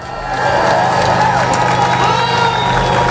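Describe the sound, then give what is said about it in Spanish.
A large crowd on both sides of the border fence of Gibraltar cheers, applauds and shouts continuously to celebrate the fall of the border, a dense wall of voices with whoops rising above it, loud and sustained throughout. “Aplausos, claro, a uno y otro lado de la verja del Peñón para celebrar la caída definitiva de la frontera”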